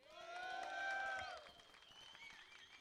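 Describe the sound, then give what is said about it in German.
A live audience at a sold-out event bursts into applause for themselves, dense clapping swelling for about a second with high whistles and cheers riding over it, then tapering into lighter scattered claps. “Macht doch mal selber Applaus für euch.”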